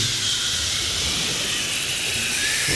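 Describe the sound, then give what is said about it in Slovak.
A steady wash of electrical static hiss fills the whole stretch, loud and unbroken, bright and airy with a faint low rumble beneath and no voices. “Ja šumím v telefónoch a rádia.”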